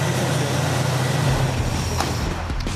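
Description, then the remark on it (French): A Ford Mustang convertible engine starts after its cooling system was replaced and runs with a loud, steady rumble whose low tone shifts about halfway through as it settles into idle. No one speaks. “Et donc voilà, tout est installé, c'est le moment de vérité, il n'y a plus qu'à mettre en route.”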